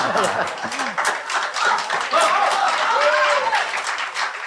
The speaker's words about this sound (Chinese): 给你鼓掌 啊， 给你鼓掌。